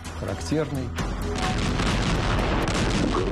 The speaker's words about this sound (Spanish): El ruido de disparos de artillería anunció al pueblo soviético la liberación de la antigua ciudad de Kiev.